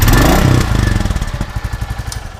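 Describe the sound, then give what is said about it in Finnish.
A motorcycle engine purrs at idle at the Finnish Motorcycle Museum, starting with a loud rev that settles into a steady, low, rhythmic putter of regular pulses. No one speaks. “Kyllä se hienolta kuulostaa, kun toi prätkä kehrää.”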